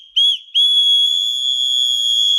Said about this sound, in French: la mairie de Nîmes met à disposition des femmes 2500 sifflets anti-relous pour éloigner les perturbateurs